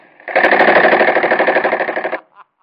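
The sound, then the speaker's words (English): A loud burst of rapid submachine gun fire rattles steadily for about two seconds, then cuts off abruptly, leaving a faint trailing sound. “The look on that bird's face when I let that chopper go off in his mush.”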